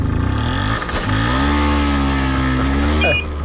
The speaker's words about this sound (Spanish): Él iba viajando, y atención, en una Vespino de 50 centímetros cúbicos.